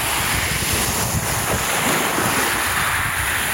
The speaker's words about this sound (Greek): Το κύμα που σκάει στην ακτή. Διάφανα νερά. Κυκλαδίτικες ακτές. Αυτός ο ήχος.